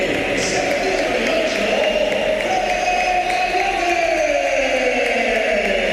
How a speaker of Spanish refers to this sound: Aplausos para Valverde, olvidado lo de aquellos meses atrás con esa pitada a Valverde, esas pitadas.